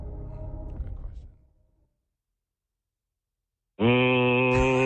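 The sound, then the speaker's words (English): A voice imitates a clothes dryer: a low, rough rumbling hum fades out, then after a short silence a loud, steady buzzing drone starts abruptly and holds to the end. “What sound does a dryer make?”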